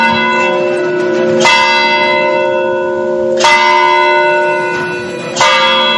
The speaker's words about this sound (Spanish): Las campanas de la iglesia de San Francisco es el sonido que marca impasible el paso del tiempo desde hace siglos.